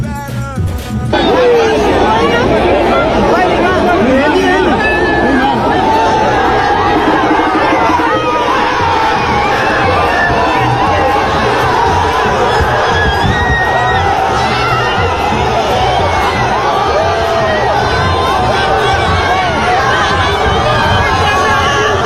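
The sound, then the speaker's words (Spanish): A large crowd of football fans gathered with their phones, as in a square or a park, erupts in loud, sustained cheering and shouting after a World Cup goal, a dense roar of many excited voices that stays at full volume throughout. “Este que ustedes escuchan ahí, para los amigos de la radio, es los grupos de aficionados reunidos con sus teléfonos, como en una plaza, un parque, y como lo decía García, que se celebre un gol en el Mundial.”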